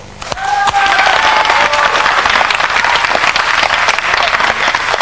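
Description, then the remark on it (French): A studio audience on the live French TV show Club Dorothée breaks into sustained applause, loud and steady from the first half second to the end, dense rapid clapping with a few brief whistles or cheers rising early on. “On applaudit.”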